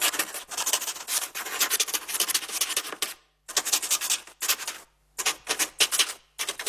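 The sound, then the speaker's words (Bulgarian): A quill pen scratches across paper in bursts of dry, raspy strokes, with brief pauses between runs of writing. No one speaks. “Това е звук от паче перо, което пише по хартия.”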